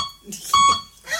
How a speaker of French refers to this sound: Ah merde, hein? Ah, il parle comme ça? Comment ça marche? Un bip oui, deux bip non, putain.